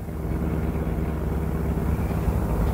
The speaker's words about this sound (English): The best place I know for getting lost is the heart of the city, so we pile into my car and drive uptown.